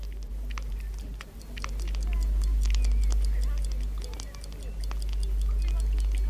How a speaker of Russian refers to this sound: Вот, часы пошли. Часы идут, ребята. И вновь ожили старые часы.